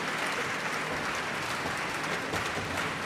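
Sustained applause from an audience for the winner of the audience choice award, a dense steady wash of many hands clapping at an even loudness for the whole stretch, with no voices over it.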